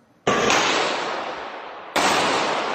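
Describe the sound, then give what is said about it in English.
Two loud gunshots about a second and a half apart, fired by gunmen inside a suburban Detroit shopping mall in Michigan, each a sharp crack followed by a long booming echo that rings through a large indoor space. No one speaks. “Terror and gunshots.”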